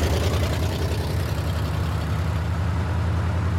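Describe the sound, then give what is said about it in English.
A truck engine idles steadily, a deep, continuous rumbling drone with a faint rhythmic chug that holds at an even loudness throughout, with no voices. “Hurry up, Fanny, here comes the truck.”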